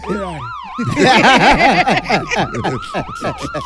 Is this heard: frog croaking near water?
no